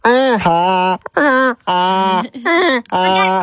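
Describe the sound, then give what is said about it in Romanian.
A person imitates a donkey's bray with five loud, drawn-out vocal tones in a repeating hee-haw rhythm, separated by brief breaths. “Cum? Măgar. Măgar,”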